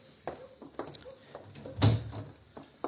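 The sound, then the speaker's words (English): A wooden door swings shut with a solid thump, preceded by creaks and shuffling movement, then a few faint rattles afterward. “Close the door, Chester.”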